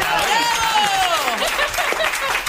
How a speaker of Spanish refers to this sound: Pues un aplauso.